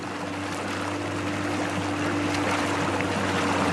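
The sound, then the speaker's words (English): A boat moves steadily through water between islands, a low engine drone humming beneath a continuous rushing wash. The sound stays even throughout, with no voices. “This time, Reuben and I get on the boat.”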